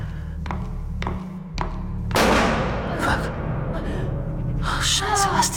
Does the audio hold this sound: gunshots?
yes